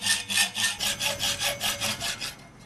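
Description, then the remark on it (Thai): Hand sawing through a one-inch steel bicycle frame tube with a hand saw, not an electric saw, to build a handmade vintage-style bicycle, with about ten quick, even back-and-forth strokes rasping loudly. No one speaks. “เป็นไงครับเหนื่อยดีไหม เหนื่อยดีครับได้เหงื่อเลยฮะทำไมเราไม่ใช้แบบเลื่อยไฟฟ้าอะไรเงี้ยฮะ เพื่อให้สมว่าเป็นแฮนด์เมดทุกอย่างมาจากมือหมด จริงครับเหนื่อยครับมาจากมือนี่”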